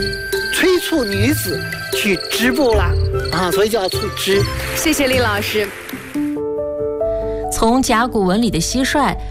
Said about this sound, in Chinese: 但是甲骨文呢，它确实就是一只蟋蟀的样子。然后它叫触枝，因为它的那个鸣叫，它翅膀的摩擦声其实是特别像纺织，纺织，